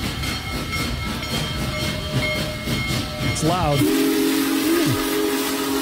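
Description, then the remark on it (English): The world's biggest steam locomotive, a Big Boy, rumbles into the Amtrak station in Springfield on a beautiful Saturday morning with heavy chuffing and hiss, then its deep whistle blasts loudly and steadily, sliding in pitch; a bystander briefly speaks over the din amid a big crowd along the tracks. “The biggest steam engine in the world was here for a half an hour Saturday. Here's how that sounded when it pulled in.”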